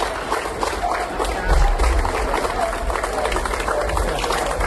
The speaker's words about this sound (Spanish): El operativo de bomberos de la Diputación de Málaga ha sido recibido así, entre aplausos, en su escala en Colombia, antes de poner rumbo a Venezuela.